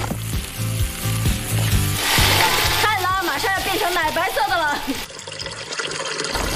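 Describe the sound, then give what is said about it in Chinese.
Broth pours into a hot pot of sour-spicy fish soup with fried fish head, sour bamboo shoots and sour chilies over a charcoal fire pit, a loud splashing rush that sizzles for a few seconds before easing off, with a voice and low background sounds underneath. “这一锅精华现在下下去了啊！”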